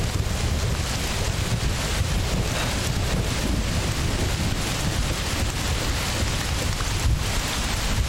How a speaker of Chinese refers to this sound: 天怎么突然下雨了呢？我查了天气预报的呀。